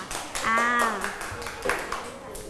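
A class of students gives a short burst of scattered, uneven clapping for a classmate's correct answer in a Thai maths lesson, moderately loud, with a brief ringing tone sounding partway through.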